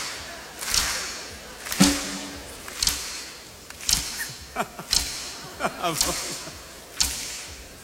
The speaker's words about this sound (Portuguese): Não é palmas, é estalinhos, estalinhos.